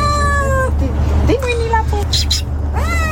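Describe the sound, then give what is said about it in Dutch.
A ship's cat meows several times, drawn-out, wavering cries, on the ship quay in Vlissingen, heard over a steady low engine rumble like traffic or a vessel idling. “Van een schipperskat die in Antwerpen overstapte naar een verkeerde boot richting Vlissingen.”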